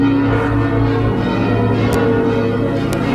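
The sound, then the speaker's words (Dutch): The church bells of the Martini tower in Groningen ring out in the morning in a dense, continuous peal for the city's commemoration of its 1672 relief, many overlapping metallic tones sustaining and blending into a loud wash of sound with no voices present. “Maar Groningen hield stand en daarom werden ook vanmorgen de klokken van de Martini-toren geluid.”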